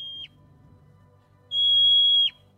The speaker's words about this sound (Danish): Det skal man kende. Det er et murmeldyr.